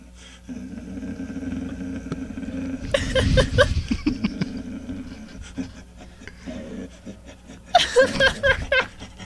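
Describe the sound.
A man's voice imitates a dog with rough, growly barking and panting noises in two loud bursts, separated by quieter grunts over a steady low hum.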